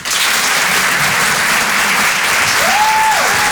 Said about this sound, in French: Applaudissements.